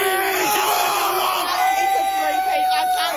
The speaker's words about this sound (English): Lions fans have been roaring through the night in Melbourne after the Brisbane side defeated the Dockers at the MCG with 4 goals in the final 4 minutes.